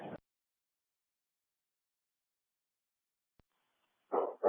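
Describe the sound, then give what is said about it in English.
A dog barks inside a house: one bark, then a long silent pause, then two quick barks in a row near the end. The barks are clear, with no one talking. “The dog's inside.”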